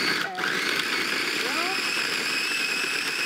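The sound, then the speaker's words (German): A blender runs with a loud, steady motor whine and grinding rush that holds for the whole stretch, dipping briefly near the start, mixing a frozen dessert towards a firm, smoothie-like consistency. “Guter Mixer geht dafür auch.”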